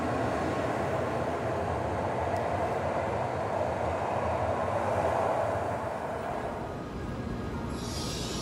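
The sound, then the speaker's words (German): A train pulls away from a station platform, its loud, steady rumble filling the air before easing slightly near the end, when a soft hiss rises. “Es ist Mist, wenn die Züge so pünktlich fahren, ne?”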